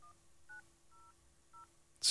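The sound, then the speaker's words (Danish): Four short two-tone telephone keypad beeps, evenly spaced about half a second apart, as a number is dialed to place a call, followed by a sudden burst of hissy noise at the end. “Må jeg lige prøve at foretage et opkald, bare lige så vi kan prøve at høre, hvad der sker, når vi ringer her.”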